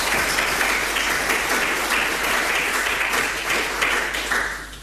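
Steady applause from an audience welcoming invited guests, a dense wash of many hands clapping at an even loudness throughout, easing off slightly at the very end. No one speaks over it.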